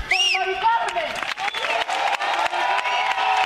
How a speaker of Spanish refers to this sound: Aplausos y noche de homenaje por Mari Carmen.